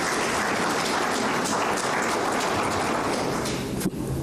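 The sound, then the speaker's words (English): An audience applauds steadily for a health facility announced as 98% completed. A dense wash of many hands clapping holds an even level for about four seconds before it cuts off abruptly. No one speaks over it. “Give us a round of applause for that one.”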